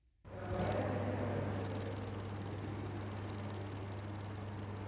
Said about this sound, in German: Erkennen Sie das Insekt? Richtig, eine Grille. Wahrscheinlich ein Tier, das die meisten auf dem Schirm haben.